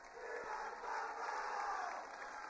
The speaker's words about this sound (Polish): Niech żyje papież, krzyczą zebrani przed Pałacem Apostolskim w Castel Gandolfo.